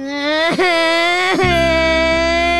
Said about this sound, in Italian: Che cazzo stai piangendo? Piange!